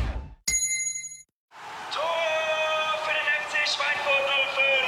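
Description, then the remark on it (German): A single bright gong chime rings out sharply and fades within about a second, marking a drink break, followed by a short silence before a voice begins speaking. “jetzt wieder Trinkpause. Der Gong.”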